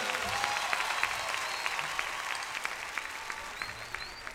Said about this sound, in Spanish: fuertes aplausos para el que se lo merece.